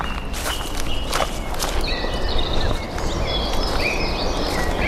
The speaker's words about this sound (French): Qu'est-ce que vous entendez? Des bruissements de feuilles, il y a quelques sons d'oiseaux.